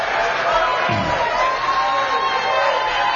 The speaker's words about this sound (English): Well, they're applauding for me. I have to let them stop.